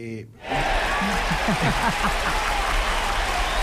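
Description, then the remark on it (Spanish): An applause sound effect: a burst of crowd applause kicks in after a brief voiced moment and continues steadily, loud and dense, with some muffled cheering and voices mixed in beneath the clapping. “Busca los aplausos, dale.”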